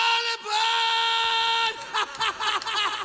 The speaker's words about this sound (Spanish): Otro grito